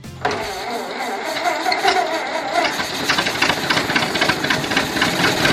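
A car engine cranks and sputters to life right at the start, then keeps up a rough, uneven mechanical chatter, loud and steady for several seconds.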